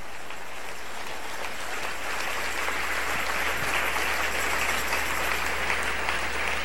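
An audience applauds steadily for several seconds, a dense, continuous wash of clapping that holds at an even, fairly loud level throughout with no voices rising above it, clapping for the King (the Lord) with all their heart.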